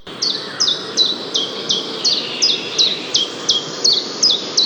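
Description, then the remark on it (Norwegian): A common chiffchaff sings a steady series of about a dozen bright, high chirping notes, evenly spaced and clear, over a soft rushing outdoor background with no voices. “Den heter Gransanger.”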